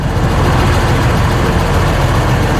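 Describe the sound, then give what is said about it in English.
A methane or natural gas fueled New Holland tractor engine idles steadily and loudly on a research farm, a continuous low rumble with a rough, throbbing texture that holds constant from start to finish, with no voices. “You know, we don't always have the funding to go out and purchase platforms like this, something that's unique, a methane or natural gas fueled tractor.”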